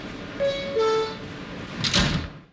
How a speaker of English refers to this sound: Stand clear of the closing doors, please.